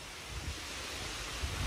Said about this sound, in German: Manchmal findet sich die Inspiration dafür auch einfach auf der grünen Wiese. Das Rauschen der Bäume im Park.